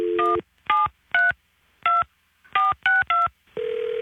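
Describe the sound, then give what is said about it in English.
A phone keypad's touch tones beep seven times in quick, slightly uneven succession, each a short clear dual-pitched blip, ending as a steady ringback hum begins, as someone in a Drug Fair store calls a home phone. Fairly loud, with no talking. “Let me call the home phone again.”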